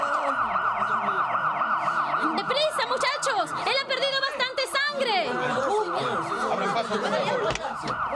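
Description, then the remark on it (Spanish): An ambulance siren wails loudly and steadily as the ambulance arrives at the scene of a car crash, its rising and falling tone sounding while people shout urgently over it. “La ambulancia ya está aquí.”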